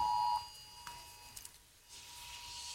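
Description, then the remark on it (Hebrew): A short, loud electronic alert beep sounds once at a steady pitch in a TV studio during a live broadcast, as alerts come in. It drops away, leaving a faint lingering tone and a few soft clicks against quiet studio noise with no talking. “אנחנו מקבלים אצלנו צפצוף באולפן. מתקבלות עכשיו התראות, אנחנו...”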